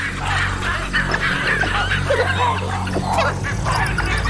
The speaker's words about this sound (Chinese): 狒狒因为其他事情发出了警报。